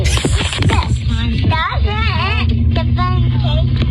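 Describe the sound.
Steady low engine and road rumble from inside a moving car driven by a mother, continuous throughout, with voices chattering and babbling over it while a baby holds the phone.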